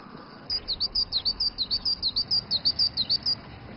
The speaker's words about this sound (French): Et entendre le chant mélodieux des oiseaux de Yido l'a plongé quelque peu dans la nostalgie.